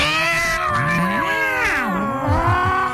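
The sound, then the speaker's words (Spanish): Cats fight on a roof at 3 or 4 in the morning, yowling and caterwauling in long wavering cries rising and falling in pitch without pause, like a tense standoff. “No, a las 3, 3 de la mañana, 4 de la mañana, y usted escucha una pelea de gatos en el techo.”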